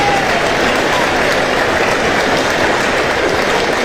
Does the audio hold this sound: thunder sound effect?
no